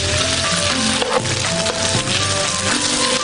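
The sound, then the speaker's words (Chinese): Chicken breast sizzles in a frying pan with stir-fried pine nuts, being pan-fried until 70–80% done: a steady, dense hiss of crackling fat with sharp pops throughout, and soft tonal sounds running faintly underneath. No one speaks. “煸香了以后呢，我们把鸡脯肉放进去，就给它煎至7-8成熟。”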